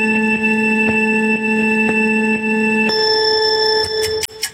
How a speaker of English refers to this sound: you're going to hear a little 3-second sort of countdown. It sounds like a buzzer.